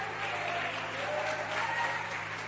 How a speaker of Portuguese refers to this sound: Glorifica a Jesus uma vez mais com tuas palmas.